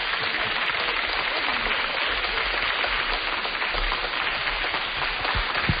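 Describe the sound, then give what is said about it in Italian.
A big television show audience applauds loudly and steadily for several seconds for Pippo Baudo, a dense, continuous wash of many hands clapping with no voices standing out. “Un grandissimo applauso.”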